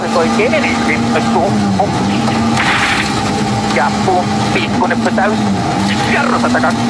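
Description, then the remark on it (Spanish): A rally car engine roars loudly, its pitch wavering as it revs, while a voice talks over the constant mechanical noise. It is Sami Bayari's car, competing at the Biobío world rally. “Este es el auto de Sami Bayari.”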